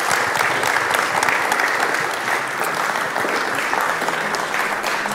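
Sustained applause from an audience, a dense, steady wash of clapping that stays loud and even for the full five seconds, with no voices standing out.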